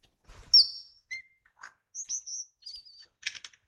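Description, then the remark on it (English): An Australian lyrebird mimics small, colorful, noisy parrots with a rapid string of sharp, high-pitched screeches and whistled notes, ending in a harsh, buzzy burst; clear, with no voices. “That rapid-fire screeching sound. The lyrebird mimicking parrots.”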